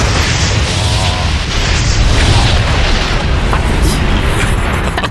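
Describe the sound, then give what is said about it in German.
A loud, sustained roaring rumble of a rocket that explodes at launch, dense low-frequency thunder with crackling noise throughout, staying heavy and steady for several seconds. “Explodiert bei dem Start.”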